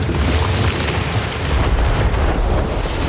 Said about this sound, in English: When the glacier calves, it booms and growls off the mountains and the seafloor, and then the terns and the guillemots arrive and a wave rolls out.